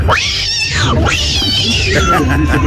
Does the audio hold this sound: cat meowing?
yes